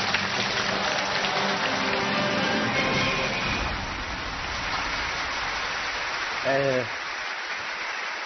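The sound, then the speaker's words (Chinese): An audience claps steadily and densely for several seconds to welcome Jet Li onto the stage to give a talk, a thick wash of applause that eases slightly midway, with voices and a brief shout rising through it. “接下来我们掌声有请李连杰先生开讲。”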